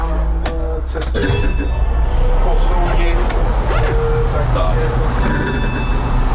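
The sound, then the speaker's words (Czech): A renovated historic tram powering up as its three-position control switch is turned from zero to two, switching on the main control circuits. Sharp mechanical clunks and switch clicks sound over a steady low electrical hum and faint whining tones, with murmured voices in the background. “Musíte to otočit z nuly na dvojku, kde se to chvilku podrží, když startujete klíčkem auto a vlastně tím se zapnou ty hlavní řídící obvody a vůz bude nastartován.”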